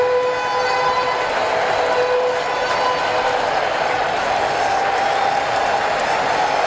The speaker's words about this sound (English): Crowd coming alive behind Sale.